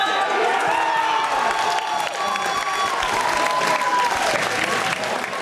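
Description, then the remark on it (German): A crowd of fans of the football club Spielgemeinschaft Frohnhofen Fleischwangen cheers and applauds loudly after the final whistle, a dense, steady roar of clapping and shouting voices that holds for several seconds. “Großer Jubel bei den Fans der Spielgemeinschaft Frohnhofen Fleischwangen.”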